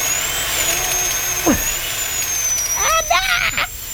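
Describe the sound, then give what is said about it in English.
A dental drill whines steadily at a high pitch for several seconds without letting up, while muffled voices murmur faintly underneath toward the end. “The drill. Oh, dentistry.”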